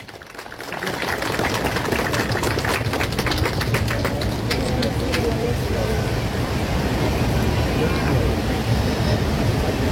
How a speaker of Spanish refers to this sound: Recibamos con fuerte aplauso y con la cordialidad que se merece a nuestra máxima autoridad regional, don Gilbert Wilson Borda Corrales.